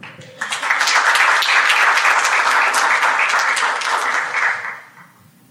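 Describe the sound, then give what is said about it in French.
Sustained applause from a sizeable audience as their president is called up, a dense wash of many hands clapping that starts abruptly, holds steady for about four seconds, then tapers off quickly. “J'appelle à présent sous vos applaudissements notre président”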